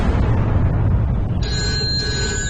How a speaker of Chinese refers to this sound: 第二天上午，段仲宇正在办公室里处理公务，电话铃忽然响了起来。